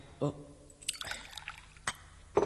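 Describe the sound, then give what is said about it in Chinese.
A short burst of wine pouring into a cup for a toast, a splashy trickle lasting about half a second, framed by brief clinks and a couple of short vocal sounds. “小弟敬你一杯，你饮啦。”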